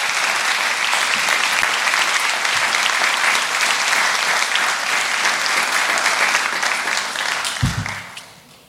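A church audience applauds for Jesus loudly and steadily, a dense wash of many hands clapping that holds for several seconds before fading out near the end.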